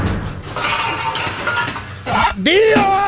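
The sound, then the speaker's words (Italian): Loud, busy clanking of pots and pans rattles nonstop for about two seconds, then a voice cries out over the last of the metallic clatter. “Un fottutissimo corpo di pentole! Faccio un casino della Madonna!”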